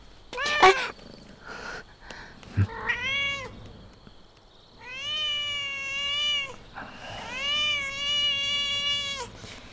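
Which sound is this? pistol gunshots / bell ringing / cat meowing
cat meowing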